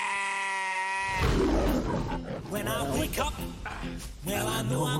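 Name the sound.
flock of sheep bleating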